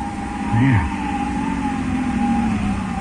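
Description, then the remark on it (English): An approaching car's engine drones in a steady, low hum with a faint high whine running through it as it stops down the hill; a short voiced sound breaks in early on. “Yeah, I think I hear a car.”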